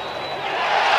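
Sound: baseball stadium crowd reacting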